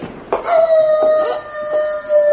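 A long, wavering wolf-like howl from a werewolf holds one sustained tone for about two seconds with rich overtones, loud, with no talking over it.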